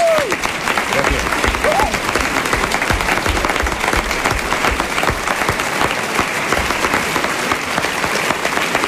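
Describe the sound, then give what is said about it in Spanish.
Sustained audience applause for the actors of a Robinson Crusoe performance, a dense, steady clatter of many hands clapping at even loudness for about nine seconds, with a faint vocal cry or cheer near the start. “Un aplauso para los actores que han hecho posible esta representación como Robinson Crusoe.”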